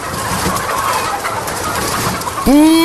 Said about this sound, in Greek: Δεν βλέπεις ότι είναι κοτέτσι? Είδα κότες και μπήκα.